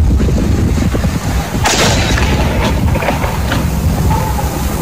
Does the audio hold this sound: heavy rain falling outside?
no